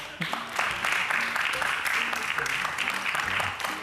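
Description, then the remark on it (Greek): A crowd applauds steadily, dense clapping filling the whole stretch at an even, fairly loud level, with faint voices murmuring underneath. “Χειροκρότημα.”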